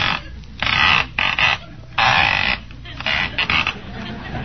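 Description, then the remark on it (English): The rotary dial of a wall telephone turning and whirring back several times as someone makes calls, a run of rasping, ratcheting bursts of uneven length separated by short pauses, fairly loud and without any talking. “Certainly a noisy dial in there, ain't it?”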